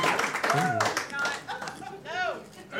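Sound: audience clapping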